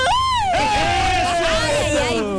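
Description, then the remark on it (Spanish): At the 'Fonda de Todos' during the fiestas patrias celebrations, several voices let out a long, sustained festive yell that starts high and slowly slides lower, held for a couple of seconds over a loud, bustling crowd. “y faltó el gritito.”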